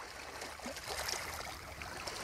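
Steady sea murmur with soft lapping and gurgling water around a raft on the open sea, no land in sight, a continuous wash of sound at a moderate, even level with no voices.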